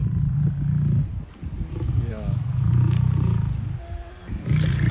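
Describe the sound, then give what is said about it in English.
A man's voice imitates a lion's low, rumbling purr in long throaty growls, fairly loud, with a brief spoken word between the rumbles. “You know when a lion is just like purring, like this.”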